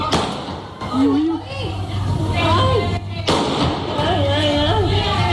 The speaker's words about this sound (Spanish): Son disparos del presunto atracador de 57 años que abrió fuego al verse sorprendido por agentes de la policía local. A la salida del banco se encontró precisamente con la patrulla y no dudó en emprender a tiros contra los agentes.